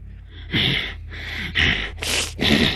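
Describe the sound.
A voice imitates a man breathing in an agitated, dog-like way, with a series of five quick, breathy sniffing bursts in an uneven rhythm, fairly loud, with no other talk.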